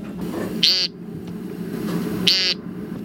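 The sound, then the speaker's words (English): Two short, nasal, buzzy peent calls of an American woodcock, spaced well apart, over a steady low background rumble. “The American woodcock.”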